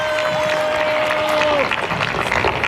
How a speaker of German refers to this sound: Pichai, selbst Stanford-Absolvent, beginnt seine Rede. Thank you for the invitation to address you today. In Applaus mischen sich Buhrufe.